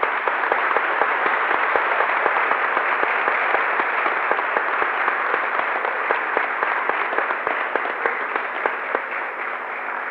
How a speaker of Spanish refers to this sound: Le damos un fuerte aplauso a los chicos.